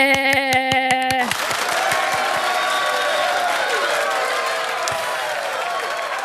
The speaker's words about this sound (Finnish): Okei, tässä tulee nyt kollektiiviset aplodit.